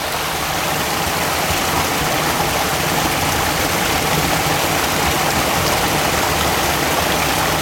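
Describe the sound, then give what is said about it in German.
A stream flows through a short tunnel under the road to Zinzikon, a steady, dense rush of water with a hollow, enclosed rumble filling the whole clip. No voices, constant and fairly loud throughout. “Hier bemerken Sie vielleicht, dass der Bach sich anders anhört.”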